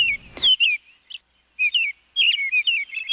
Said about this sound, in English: The American robin is the best known of the thrushes. Its song is the familiar cheer-up, cheerio.